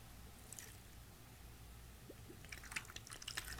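Chicken broth and white wine being poured into a pan over a chicken surrounded by cut carrots and onions, with quiet trickling that grows into brighter splashes and drips toward the end. It is soft, with no talking.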